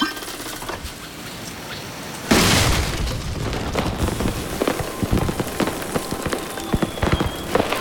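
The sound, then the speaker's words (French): A sudden loud boom of a seed cannon firing bursts in after a quiet stretch, followed by a sustained rumbling roar scattered with crackles and pops. “J'ai assez de connaissances pour charger le canon à graines maintenant.”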